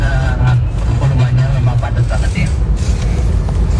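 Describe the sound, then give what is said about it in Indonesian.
A long queue of idling and slowly creeping road vehicles around Kepanjen, Malang Regency, makes a steady low rumble, with engine drone and faint mechanical creaks, continuous, while a voice talks over it. “Di selatan juga, belakang saya ini jadi antri panjang yang di belakang saya ini.”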